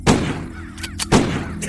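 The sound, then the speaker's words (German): Two sharp pistol shots, fired at crows, ring out about a second apart, each a loud, cracking bang with a brief rumbling tail, followed by a few faint clicks and rustles in between. “der nun die Pistole entgegennahm und es seinem Freund gleichtat.”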